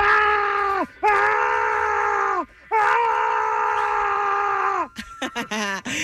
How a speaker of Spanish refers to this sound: A ver, este es el primero. Grábense bien, ¿eh? Este es el primer grito.